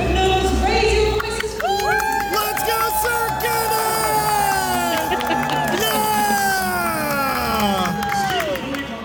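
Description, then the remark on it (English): A large audience at a medieval-style dinner show cheers and shouts continuously, many voices rising and falling together in a loud, sustained roar with scattered whoops and clapping. “And the cheering didn't stop there because there are horse dances and knights and, of course, the clashing of swords.”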